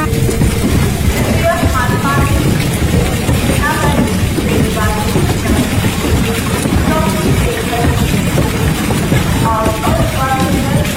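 A train about to depart rumbles steadily on the tracks, a constant loud low roar filling the scene, with brief high tonal squeals and faint background voices drifting over it.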